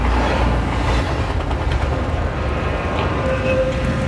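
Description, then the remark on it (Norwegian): A train rumbles steadily and heavily as it pulls into the railway station in Belgrade after hours of travel through Central Europe, with a thin, sustained squeal of brakes rising near the end. “Etter flere timer i Sentraleuropa kom de til siste holdeplass for togturen og nest siste stopp for reisen.”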